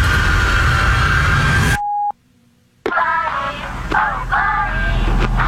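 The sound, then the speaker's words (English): A short, clear electronic beep like a voicemail tone cuts in after a stretch of loud hiss, followed by a brief silence before noisy, busy sound resumes. “Please leave a message after the tone and we will get back to you.”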